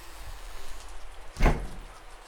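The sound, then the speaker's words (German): Steady, moderately loud hiss of pouring rain on a street as it grows dark, interrupted midway by a single short thump like a door or object knocking. No one speaks. “Ja, bei diesem strömenden Regen sind wirklich kaum Fußgänger auf der Straße.”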